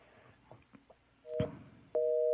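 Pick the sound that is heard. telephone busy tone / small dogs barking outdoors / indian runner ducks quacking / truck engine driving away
telephone busy tone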